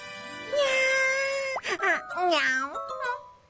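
Two drawn-out, clear cat meows: a long, steady, high call first, then a shorter one that rises and falls in pitch, with no other sounds around them.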